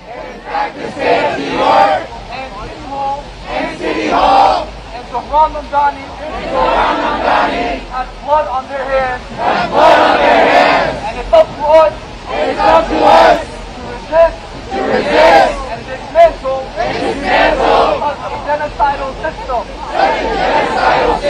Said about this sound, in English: This is that protest, what it sounds like outside of City Hall.